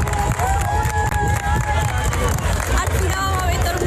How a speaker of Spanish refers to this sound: Que literalmente arrancó las telas entre aplausos para que, como se escucha en este vídeo viral, lo va a ver todo el mundo.